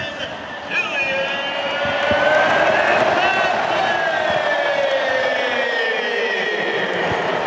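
A huge stadium crowd at a World Cup football match roars and cheers after Kylian Mbappé scores against Sweden, his fifth goal of the tournament, a loud, dense wall of voices that swells in the first second and holds steady to the end, with no single voice standing out.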